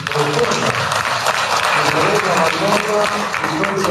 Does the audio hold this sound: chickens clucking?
no